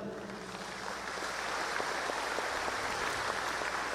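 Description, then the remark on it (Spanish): A crowd at a national mobilization in Bolivia applauds the international press, a dense wash of many hands clapping at once that holds an even, fairly loud level throughout, with no voices rising above it. “Saludamos a la prensa internacional, un aplauso para la prensa internacional que nos acompaña.”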